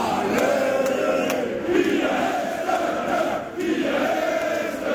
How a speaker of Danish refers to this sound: Og så er der altså også nogen i lyseblå trøjer, der synger ekstra højt med på den her.